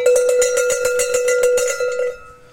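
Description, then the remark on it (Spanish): Small cencerro bells worn by a flock of 10 or 15 sheep clank in a quick, steady rhythm, each hit a bright metallic tone with a ringing high pitch, loud throughout before fading out at the end. No one speaks. “Yo todavía por costumbre tengo 10 o 15 ovejas en el rebaño, pues con sus cencerros estos pequeñitos.”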